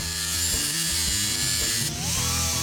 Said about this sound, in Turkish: Önce fazlalık metalleri işaretleyip çıkarıyorum.